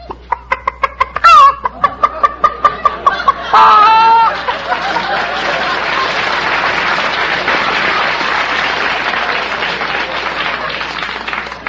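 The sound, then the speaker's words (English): A man's voice imitates a chicken, with rapid rhythmic clucks and a couple of drawn-out squawking cackles, followed by a burst of audience applause and laughter that fills the rest. “You mean make a noise like a chicken? Cackle.”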